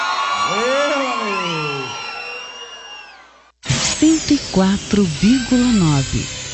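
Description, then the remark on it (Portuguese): A large crowd shouts and screams together in response to a call to shout, loud and sustained for about three seconds, then cuts off abruptly; after a brief silence a single voice starts talking. “Só quem não vai morrer de amor nunca na vida, dá um grito pra me ouvir, vai.”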